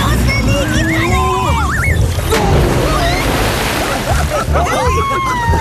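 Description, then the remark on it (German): Water splashes and sloshes steadily in a pool, with a big burst midway, while excited high-pitched voices squeal and call out over the noise throughout. “Du hast ja das halbe Becken leer gemacht.”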